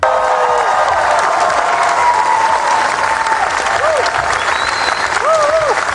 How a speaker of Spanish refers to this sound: Porque mira, fíjate, esta es la ovación que recibió nada más proyectar su película en Cannes.